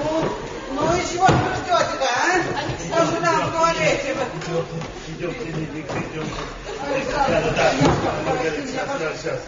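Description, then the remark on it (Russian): A toilet door slams with a sharp, heavy bang, and a second thud follows later, both cutting through continuous overlapping voices talking. “Дверь в туалет.”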